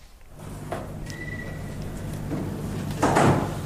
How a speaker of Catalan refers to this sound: Se tanca la porta. Un moment molt radiofònic, aquest.